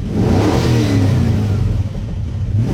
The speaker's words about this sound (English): It sounds like a car. Okay, that's not the real sound. They haven't released what the real sound is yet.